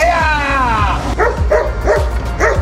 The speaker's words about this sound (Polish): Do akcji wkroczyły policyjne psy. Taki był scenariusz ćwiczeń policji i służby ochrony kolei na łódzkim dworcu Łódź Kaliska.